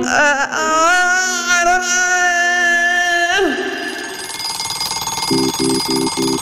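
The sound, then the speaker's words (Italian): A long, wavering electronic wail slides downward and fades, then an alarm clock goes off with four quick, evenly spaced beeps near the end. “La sveglia suona.”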